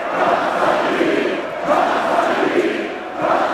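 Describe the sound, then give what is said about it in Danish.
Tens of thousands of AGF football fans in Aarhus chant together in a dense, continuous roar, celebrating the club's first Danish championship in 40 years. Voices swell in repeated phrases roughly every second and a half, loud and steady throughout. “Ja, kom så, de vige blev råbt, sunget og grædt i går, da byens danske fodboldmestre blev fejret.”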